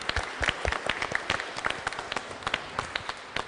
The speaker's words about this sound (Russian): Поздравляю вас, аплодисменты.